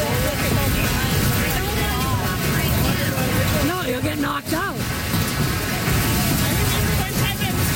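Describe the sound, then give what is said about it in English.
A dense, constant roar of hail pounding down nonstop during a hailstorm at a wedding in Medstead, Saskatchewan, loud, with indistinct voices of people talking faintly underneath the clatter. “It's been a summer full of destructive weather, like this hailstorm at a wedding in Medstead that led to a lot of SGI claims.”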